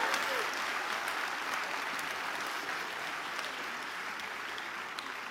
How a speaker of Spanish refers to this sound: ¡Alégrense! Nos espera un futuro y una esperanza. Ah, sí, va a aplaudir, aplauda, venga.